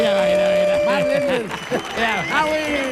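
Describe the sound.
An audience applauds in a steady wash of clapping while voices shout and cheer over it, with rising and falling whoops rising above the crowd noise.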